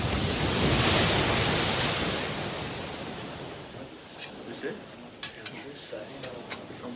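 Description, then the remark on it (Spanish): A loud rush of sea waves breaking against the coast swells and slowly recedes, then gives way to scattered light clinks of cutlery and dishes. “Durante dos días, los náufragos permanecieron en el faro acogidos por los torreros y sus familias, mientras el mar seguía rompiendo contra la costa.”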